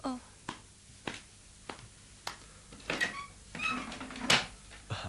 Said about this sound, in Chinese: 奇了，在这个时候还有什么人来敲门呢？ 方才我由窗口望出去，见到一个人身穿便服，背着一个黄包袱，气喘喘地走过来这边。我想当然是他。等我开门看看。